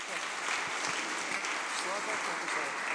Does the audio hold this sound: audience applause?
yes